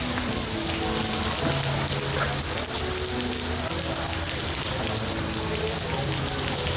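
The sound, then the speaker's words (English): Steady rain pours down continuously during the rainy season at the Gardens by the Bay in Singapore, a dense hiss of drops hitting a surface with no letup, with faint murmuring or low tones buried underneath. “Oh, the joys of traveling in rainy season”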